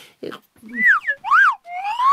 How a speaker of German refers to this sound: Na, dann pfeife halt.